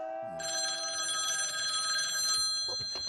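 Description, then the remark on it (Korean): A telephone rings at the Tajaba police station with a bright, sustained electronic bell tone lasting a couple of seconds, loud, with no talking over it. “네, 타자바 경찰서입니다. 네네. 야! 하트! 무슨 전화야?”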